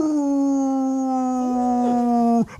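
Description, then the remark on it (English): Cash, an adoptable dog from Midlands Humane Society, lets out one long, steady, loud howl in the studio, held at a nearly constant pitch for over two seconds, then breaks off abruptly with a brief waver at the end. “He was howling upside down in the studio moments ago.”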